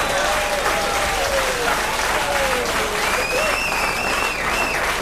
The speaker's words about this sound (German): Ja, jetzt möchte ich wissen, wofür wir den Applaus jetzt kriegen.